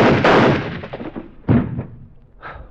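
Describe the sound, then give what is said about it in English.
Several loud gunshots, fired by a woman from her own gun, ring out at uneven intervals, each a sharp booming crack with a rumbling tail that fades before the next; the final shot is noticeably quieter. “You really have got everything, haven't you? Even your own gun.”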